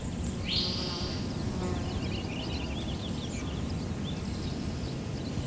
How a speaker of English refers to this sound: That's a purple finch over there, a real bubbly, sing-songy. How do you know that's a purple finch? So it's usually singing fairly up in a tree, not right off the ground. And it's a bubbly song. It's very warbly. So it's a short sound.